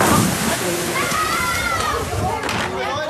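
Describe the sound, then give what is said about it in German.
Water sloshes and splashes steadily at a busy lake bathing beach, the Tuttenbrocksee in Beckum, a continuous wash of sound with faint voices of people mingling in the background. “das war's hier vom Tuttenbrocksee in Beckum. Ich kann es wirklich empfehlen. Es ist ein wunderschönes Strandbad.”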